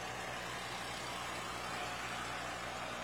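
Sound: tractor engine running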